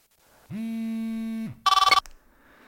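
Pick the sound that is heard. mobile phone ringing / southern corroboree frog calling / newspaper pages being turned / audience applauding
mobile phone ringing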